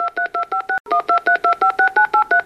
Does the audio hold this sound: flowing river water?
no